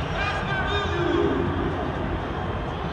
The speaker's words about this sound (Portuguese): Vamos ouvir um pouco da torcida brasileira aqui em Nova York, ó.